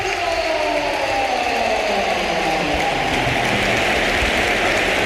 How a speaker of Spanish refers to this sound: Y vamos a escuchar una gran ovación, ¿eh? Sí, porque se va a producir el último cambio. Las filas del Real Madrid solo ha hecho tres Mourinho, pero agota las ventanas. Se marcha Bellingham, el Bernabéu de pie.